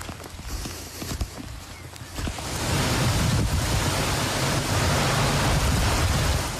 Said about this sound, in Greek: Στην ευρύτερη περιοχή της Λάρισας, η χαλαζόπτωση σε συνδυασμό με την ισχυρή βροχόπτωση φέρνουν απόγνωση. Χαλάζει έντονο.